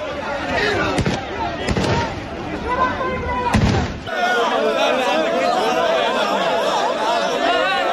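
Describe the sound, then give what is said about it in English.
Several sharp, loud gunshots crack out at irregular intervals as police fire shots in the air to contain crowds of people in Ceuta, the Spanish territory in North Africa, over the noisy shouting of the large crowd; then the firing stops and the crowd's clamor carries on. “You could hear the sound of police firing shots in the air as they struggle to contain crowds of people.”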